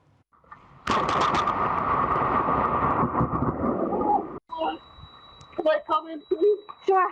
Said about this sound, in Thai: ผู้ชายคนหนึ่งเนี่ยเดินผ่านต้นไม้เป็นจังหวะที่ฟ้าผ่าลงมาเขาร่วงลงไปแต่เขาลุกขึ้นมาได้